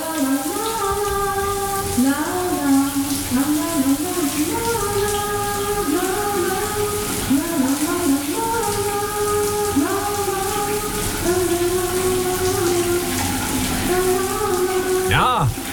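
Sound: shower tap running water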